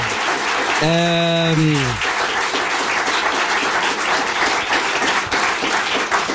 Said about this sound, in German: Es hat mir sehr viel Spaß gemacht, Leute, applaudiert einmal für Thorsten Streter, bitte. Dankeschön.